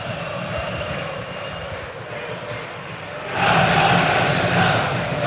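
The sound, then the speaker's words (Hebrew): A Beitar Jerusalem football crowd roars steadily in a stadium in the final minutes of a match, a dense wash of cheering that swells louder partway through and holds at a higher pitch of excitement. “קהל של ביתר מעודד עד הרגע האחרון, מאמין עד הרגע האחרון.”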